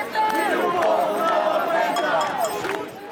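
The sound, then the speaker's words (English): A crowd of protesters marching through the streets of Lisbon, Portugal, against high rents and low wages, with overlapping voices and shouts, a steady babble underneath, and bright metallic jingling of many house keys being shaken throughout. “Protesters have been marching through the streets of Portugal's capital, Lisbon, against high rents and low wages.”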